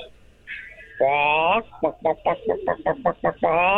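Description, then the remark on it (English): A lower-pitched chicken squawk sound effect opens into a long, drawn-out cry, followed by a quick run of rhythmic clucks and a final squawk, loud with nothing else around it. “Wow, it's beautiful work, but can I get the same chicken sound effect, but with a lower pitch?”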